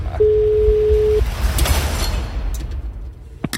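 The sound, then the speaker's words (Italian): A single steady telephone ringing tone on an outgoing call, one beep lasting about a second, heard over a noisy line with low rumble and hiss that continues after it stops. “Ce 5 gli squilli.”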